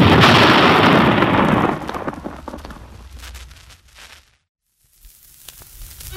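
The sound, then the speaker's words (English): A single loud blast from an ancient, rusty old cannon fired in a village park booms out, its broad roar rumbling on for over a second before fading into scattered crackles, a brief silence, then faint rustling noise. “our hero decides to shoot off the ancient cannon in the park to attract the attention of the Black Menace”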